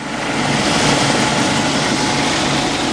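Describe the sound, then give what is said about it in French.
A Caïman military helicopter from the aircraft carrier Charles de Gaulle sets down on the rear deck of a FREM, a multi-mission frigate specialised in air defence, after a 30-minute flight. Its engine and rotors make a loud, steady roar that fills the whole stretch with no voices. “30 minutes de vol et l'hélicoptère Caïman du Charles de Gaulle se pose sur la plage arrière d'une FREM, une frégate multimission spécialisée dans la défense aérienne.”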